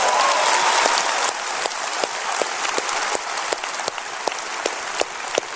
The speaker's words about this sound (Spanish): ¿Hay gente contenta de estar en la casa de Dios? Dense un grito y un aplauso que yo pueda creer y que otros en Houston puedan creer. Eso.